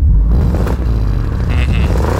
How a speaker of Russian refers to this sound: И если вы будете знать правильный ответ, вам нужно будет издать звук, подобный выхлопу BMW. Давайте послушаем, как он звучит.